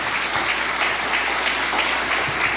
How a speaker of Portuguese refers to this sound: Vamos receber o homem de Deus aplaudindo a Jesus. Aplausos para Jesus. Palmas para Jesus.